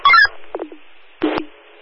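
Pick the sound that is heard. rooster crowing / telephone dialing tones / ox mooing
telephone dialing tones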